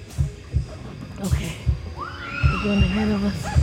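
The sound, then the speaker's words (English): A steady, deep heartbeat sound effect thumps at a slow, regular pace through hidden speakers on a haunted forest trail, loud and booming, while a higher wavering tonal sound rises over it in the second half. “An ominous, steady heartbeat is pumping through hidden speakers, signaling the start of our haunted experience.”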